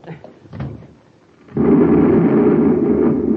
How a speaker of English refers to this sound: We're going back to the control room so you can stop that explosion. Can't be stopped now. It's too late.